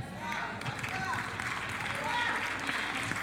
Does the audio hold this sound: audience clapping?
yes